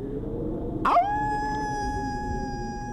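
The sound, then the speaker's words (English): A person imitates a wolf, letting out a drawn-out howl that rises sharply at the start then holds a steady, sustained tone for a couple of seconds, fairly loud over a low background rumble. “Pretend you're a wolf howling.”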